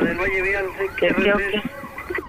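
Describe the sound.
A voice imitates a police car siren, with a continuous wailing tone that rises and falls in pitch for a couple of seconds, loud.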